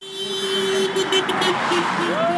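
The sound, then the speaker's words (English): Car horns blare in long, steady honks over busy traffic on a main road in Allentown, Pennsylvania, where people gather waving signs protesting the GOP-controlled Congress; a second horn tone joins near the end and faint crowd voices mix into the street noise. “Cars honk as people gather along a main road in Allentown, waving signs protesting the GOP-controlled Congress.”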